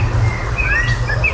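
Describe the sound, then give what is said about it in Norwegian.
A common blackbird sings a short run of clear, fluty whistled notes over a steady low background rumble, with no one speaking. “Det ikke alle svarttroster som høres slik ut, men den sangen her synger de mistok ganske ofte.”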